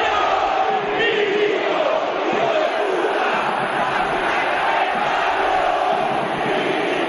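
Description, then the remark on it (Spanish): A huge stadium crowd of about 20,000 fans shouts and chants angrily in unison, insulting club president Milito after the match ends with a Belgrano win, a dense, steady roar of many voices that stays loud and unbroken throughout. “No son todos los 40.000 que hay, pero 20.000 que lo insultan no es poca cosa para un ídolo.”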